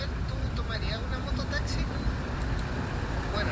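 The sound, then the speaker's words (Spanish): Slow-moving road traffic in a jam stretching about 10 to 15 kilometres rumbles steadily, a continuous low engine drone with faint higher squeaks and murmurs drifting over it, and indistinct voices underneath. “Mira, igual el tránsito está lento.”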